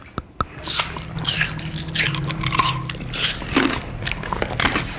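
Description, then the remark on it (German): Wet chewing and crunching of food by children showing what teeth are for, with sharp bites at the start followed by steady squishy mastication and faint scraping, continuing for several seconds with no talking. “Ich denke, damit wir unser Essen, also unsere Mahlzeit, gut schlucken können, also essen können.”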